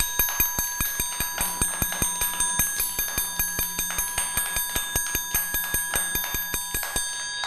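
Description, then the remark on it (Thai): A teacher taps out a fast, steady rhythm for children on a ringing, bell-like instrument, roughly five bright strikes per second with a sustained metallic tone between hits. No one speaks. “คือจังหวะอะไรคะเด็กๆจังหวะเร็ว”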